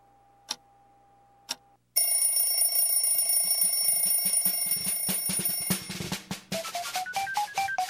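Two short beeps a second apart, then a loud, sustained buzzing ring that carries on for several seconds, breaking into rapid clattering pulses toward the end: a radio hourly time signal marking 4:00.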